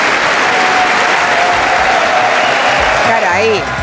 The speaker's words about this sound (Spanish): Todos y aplausos, aplausos en pie. Cerrado.